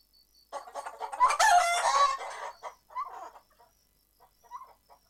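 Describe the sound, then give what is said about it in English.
A rooster crows loudly once, a long strained call, followed by several short clucks from chickens trailing off. No one speaks. “Ayam. Ayam. Chicken. Chicken.”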